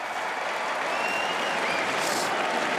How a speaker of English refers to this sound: The crowd now, some on their feet, applauding.